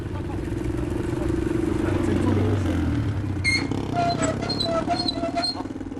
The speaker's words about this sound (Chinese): 徐亮骑着摩托车和村民们回到大澳村，在村口分手。